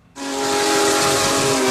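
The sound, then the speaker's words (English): The historic Big Boy steam locomotive number 4014, on its first ever trip to the East Coast, blasts its whistle suddenly and holds one loud, sustained, breathy tone with a hissing edge, steady, with no talking. “The historic steam locomotive Big Boy number 4014 making its first ever trip to the East Coast.”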